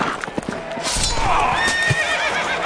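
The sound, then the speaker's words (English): A horse at a Renaissance festival, where a knight has been knocked off his horse, lets out a loud, wavering whinny that rises and trembles for about a second, following a few sharp hoof clops, with no one speaking. “Sir Galleon hath been knocked off his horse.”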